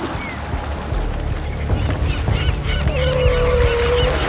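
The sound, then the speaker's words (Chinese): A flock of seagulls circling over the wave crests calls out in overlapping, repeated cries above a steady rush of waves and wind, with one long, drawn-out tone near the end, as a hunt takes place. “当海鸥群在浪尖盘旋，一场精心策划的围猎正在上演。”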